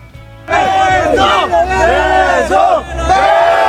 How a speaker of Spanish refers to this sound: ¡Lo abre! ¡Lo logra! ¡Y hay porra!